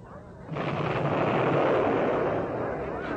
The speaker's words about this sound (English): sounds like a real old battle going on back there.